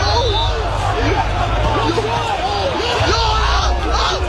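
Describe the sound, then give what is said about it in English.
A rowdy crowd of university students at a homecoming street party on Chancellor's Way in Guelph, Ontario, yells and shouts over a constant roar of babbling voices while throwing cans, flares and other objects, dense and loud throughout with many overlapping calls and whoops. “Partygoers throwing cans, flares, and other objects into the crowd.”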